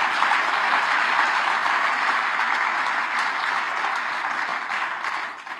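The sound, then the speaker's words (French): A crowd applauds the radio listeners during a live radio broadcast, a dense wash of many hands clapping at fairly even loudness throughout, tapering slightly at the very end. “on peut applaudir les auditeurs Radio Espérance, mes amis”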